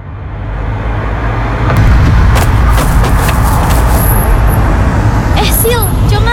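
Steady, loud road traffic noise with cars and motorbikes rumbling past, engines droning continuously along with a few sharp higher-pitched whines, as traffic streams through without pause.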